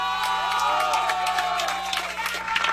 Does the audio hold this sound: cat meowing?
no